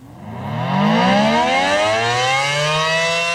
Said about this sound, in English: Constellation is testing their public alert system at 3 today, sounding all 96 sirens within a 10-mile radius of the plant for several minutes. This is what it sounded like in past years.